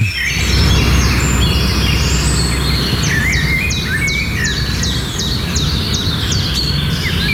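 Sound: birdsong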